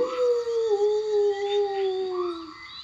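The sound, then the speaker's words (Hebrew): A dog, Señor Zorro in a children's story, lets out one long, sustained howl as it leaves a barrel and runs away with its tail between its legs; the howl slowly sinks in pitch and wavers slightly, with no talking over it. “סניור זורו הביט למעלה, ראה את האשן, ומיד עזב את החבית וברח, מיילל עם הזנב בין הרגליים.”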